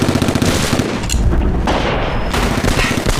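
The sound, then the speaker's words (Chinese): Sustained gunfire from a battle fought by the Korean side, a dense rolling clatter of shots and rumbling booms with no pauses, loud and continuous throughout, no voices. “朝鲜人那边打得多热闹，就咱们猫山没事干。”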